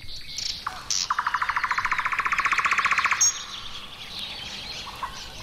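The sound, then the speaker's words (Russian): Bird chicks trying out their voices call in a forest: a fast, steady trill of about thirty repeated notes lasts around two seconds, with thin, high chirps scattered before and after. No one speaks. “И ведь птенцы сейчас пробуют свои голоса, и кто как может, кто в лес, кто по дрова, и не узнаешь, кто же это кричит, и к кому это относится.”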